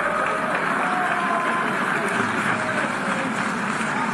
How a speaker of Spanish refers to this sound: Ahí están las protestas ya, el rechazo, el abucheo.